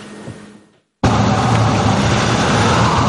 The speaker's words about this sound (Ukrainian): 12 кілометрів міськими вулицями. У Дніпрі стартував перший в Україні автопробіг безбар'єрності. За кермом водії на протезах, які на власному прикладі доводять важкі поранення, не привід відмовлятися від керма.